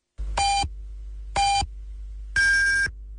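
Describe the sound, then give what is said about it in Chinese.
Radio time-signal beeps marking 6:30 Beijing time on a Chinese radio broadcast: two short, identical tones about a second apart, then a longer, higher-pitched final beep. The pips are clear and steady, with no talking. “北京时间6:30。”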